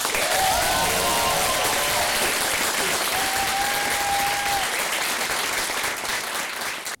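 Sustained, loud applause from an audience fills the whole stretch, dense clapping with a faint whistle or cheer rising above it before it starts to thin out at the end.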